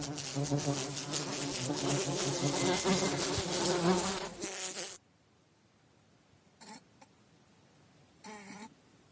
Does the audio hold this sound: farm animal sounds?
no